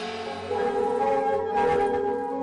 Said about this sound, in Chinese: 在岩洞镇的广场上，敲锣打鼓，芦声清脆，一片欢歌笑语。原来黎平洞寨的石洞款会正在举行。